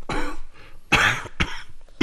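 A woman riding in a rickshaw coughs in several short, muffled bursts, fairly loud, with brief pauses between them, covering her mouth; the cough is a long-standing ailment.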